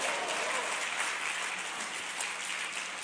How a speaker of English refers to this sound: If you believe it, clap your hands and say, praise the Lord.